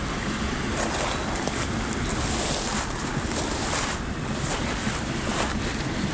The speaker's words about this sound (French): Et la clameur de l'eau et du vent se mélange, se marie.